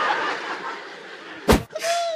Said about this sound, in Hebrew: לבריאות. רגע, יא אפצ'י, דלת, דלת! היה אפצ'י, רבותיי, אני שמעתי אפצ'י. אני שמעתי אפצ'י, לא יודע איפה זה בא, אבל...